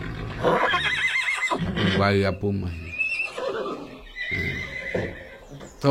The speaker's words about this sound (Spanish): Lo mismo que relincha más.